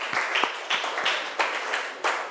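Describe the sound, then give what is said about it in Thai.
A classroom of students clapping together for the student representatives at the teacher's request, a dense stretch of overlapping handclaps with sharper individual claps popping out at intervals, sustained and fairly loud throughout with no voices over it. “ทีนี้คุณครูก็จะต้องขอขอบคุณตัวแทนนักเรียนทุกๆคนนะคะขอเสียงปรบมือให้ตัวแทนนักเรียนทุกคนหน่อยค่ะ”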